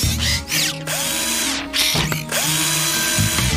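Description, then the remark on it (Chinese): A power screwdriver whirs in several loud bursts, its motor pitch rising and falling as it starts and stops, with short pauses between runs and a faint ratcheting click, while a skateboard ramp is being finished. “我可以帮你完成这个斜坡，螺丝起子。”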